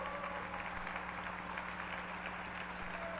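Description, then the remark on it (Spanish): A steady wash of audience applause for two technicians who will supervise the Pescando Vida program at the centre, many hands clapping in a dense, even patter at a constant moderate level, with a low electrical hum underneath and no voices. “Les pido que les demos un aplauso, por favor.”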